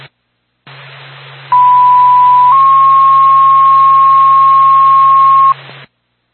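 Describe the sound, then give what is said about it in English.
A loud two-tone radio page for the Whitefield Fire Department, calling it to a commercial fire alarm on Mountain View Road in Whitefield, over hissing static: a steady one-second tone shifts to a slightly higher pitch, held for about three seconds, then the static cuts off. “Whitefield Fire Department, stand by for tone.”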